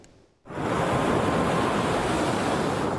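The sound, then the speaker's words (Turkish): Waves break and wash steadily onto a Mediterranean beach in the Mezitli district of Mersin after a brief quiet start, a loud, continuous surf roar with a faint breezy hiss and no voices. “Mersin'in Mezitli ilçesindeki sahillerde yeni hayatlar başlıyor.”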